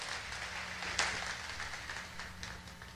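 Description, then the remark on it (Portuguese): An audience claps together in a steady, dense wash of loud applause that holds for the full few seconds, with no voices rising above it. “Pode dar uma salva de palmas forte.”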